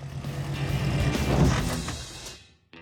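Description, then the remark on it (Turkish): An old pickup truck's engine rumbles steadily as it drives along during a driving lesson, swelling in loudness midway, then cuts off abruptly near the end, with no voices heard. “Eski bir kamyonetle ona sürüş dersleri veriyordum.”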